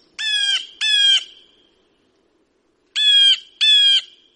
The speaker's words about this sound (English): the little things, like the birds right outside of our window.